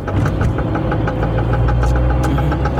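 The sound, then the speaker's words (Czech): A faulty car engine idles with a steady, rhythmic knocking, regular metallic taps repeating several times a second over a loud, continuous low rumble, with no voices; the car makes this knocking whenever it is accelerated. “Tohle mi vydává auto za zvuk.”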